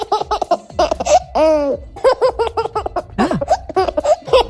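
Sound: baby laughing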